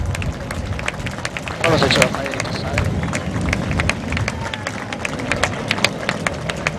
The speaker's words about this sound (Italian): Noi in pattuglia abbiamo girato ogni nazione e vi posso assicurare che nessuno è uguale agli italiani, e quindi il prossimo applauso io lo dedicherei a noi stessi.